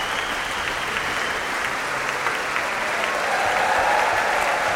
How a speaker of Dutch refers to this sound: Applaus nu voor Fagot, Pieter Nuiten onder andere. En dit applaus was voor Juliette Urel.